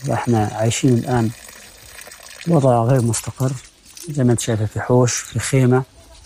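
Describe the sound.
Water pours steadily onto a small garden, a continuous soft splashing that runs under a man's voice speaking in short bursts close by.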